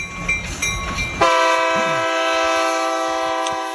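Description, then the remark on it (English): Low rumbling rail noise gives way to a loud, sustained train horn blast with several stacked harmonic tones, holding steady for a few seconds with no voices. “If you hear the train, that means somebody's on the phone, on the junction phone.”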